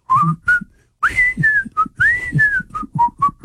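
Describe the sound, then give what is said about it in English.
Someone whistles the opening theme of The Andy Griffith Show, a bright, bouncy melody close to the mic, short clipped notes mixed with a few longer gliding tones, with a brief pause early on before the tune carries on. “I whistle pretty well, you would have to agree”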